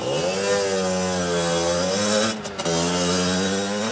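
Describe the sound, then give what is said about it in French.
A small two-stroke mobilette moped engine buzzes loudly and steadily, its pitch rising as it revs, with a brief dip near the end before the nasal whine picks back up. “Allez, un vrai bruit de mobilette, les enfants, ça fait ça.”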